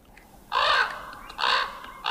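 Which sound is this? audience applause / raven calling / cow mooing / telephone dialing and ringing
raven calling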